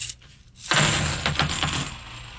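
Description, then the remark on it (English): Several clad coins are dropped onto a hard surface as a sound test to tell them from silver coins, a burst of bright metallic clinks and jingles that ring out and settle over a couple of seconds, with no talking. “So the sound test is one way to know if your coins are silver because there is a definite difference.”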